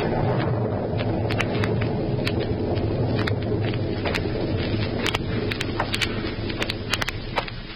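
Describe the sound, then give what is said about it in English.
A steady, roaring storm wind with thunder on a stormy night at an old house in Illinois, in the radio drama Counter Spy, with a deep rumble underneath and scattered sharp crackles, loud and constant throughout with no voices. “And now back to Counter Spy, an eerie, stormy night at the former hideout of Professor Horn in Illinois.”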